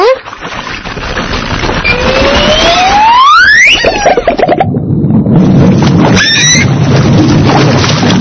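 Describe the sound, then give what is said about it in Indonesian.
High, rising dolphin squeaks and whistles at a pier, including one long upward-sweeping call and a shorter burst later, heard over a steady, loud wash of water and engine-like rumble. “Teman-teman, hewan ini bernama lumba-lumba.”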